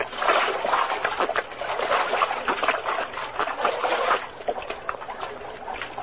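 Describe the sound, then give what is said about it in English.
Creek water splashing and sloshing as people drink from it, a steady irregular churn of small splatters for several seconds, fairly loud, with no voices. “Yeah, how about us falling on our faces and having a drink, huh? Undoubtedly spring water.”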